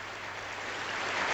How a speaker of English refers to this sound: Love a bit of applause.